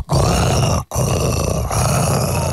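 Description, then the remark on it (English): A person imitates a tiger's roar with two long, loud, rough growling bursts separated by a brief breath, sounding forceful with no other talking. “I don't know if this is going to work out really well, but I want to do an impression of a tiger roar, of a roar.”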